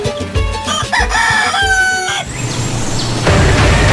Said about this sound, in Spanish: vengan a conocer esta maravillosa raza que está en proceso de crearse, la raza de gallitos azteca miniatura